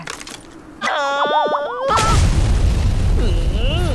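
A wavering, sing-song tone gives way to a sudden, loud, deep rumbling boom of an earthquake that keeps roaring steadily to the end.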